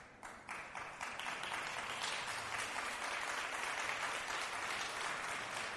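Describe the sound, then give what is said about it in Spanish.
Audience applause for the young people present: many hands clapping in a dense, steady crackle that swells within the first second and holds at a fairly even loudness, with no voices over it. “Un aplauso para todos los jóvenes.”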